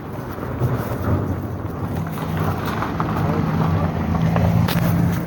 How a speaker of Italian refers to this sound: Nel frattempo era passata una macchina.